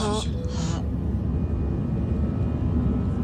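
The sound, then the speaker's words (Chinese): A steady low rumbling drone fills the background, the hum inside an airplane cabin, with a brief burst of voices near the start before the continuous noise carries on alone. “一会儿大家要认真听飞机上的广播，遵守飞机上的规则和各项要求。”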